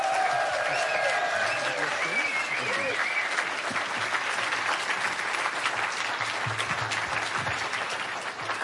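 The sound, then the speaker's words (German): Sustained audience applause welcoming author Horst Evers onto the stage for a reading, a dense steady wash of clapping that holds at an even loudness for several seconds, with faint cheers and murmurs mixed in. “Bühne frei und nochmal einen großen Applaus für Horst Evers, bitte.”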